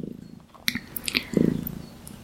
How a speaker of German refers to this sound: Falls ihr im Hintergrund so ein kleines Motorchen hört, das ist meine schnurrende Katze, die hier auf meinem Schoß sitzt.